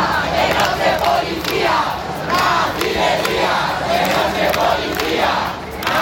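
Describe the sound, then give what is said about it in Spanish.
A large protest crowd at the Puerta del Sol in Madrid, by the Real Casa de Correos, shouts and jeers at the Policía Nacional after two people were detained, in loud, continuous waves, many voices blending into an angry roar with rhythmic surges of yelling. “Los gritos contra la Policía Nacional, que ha detenido a dos personas, eso ha alterado a la gente que protesta en este punto de la Puerta del Sol, y han llegado más refuerzos de la UIP.”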